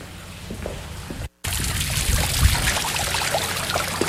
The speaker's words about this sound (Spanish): ¿Qué estás? Estaba tirando el agua.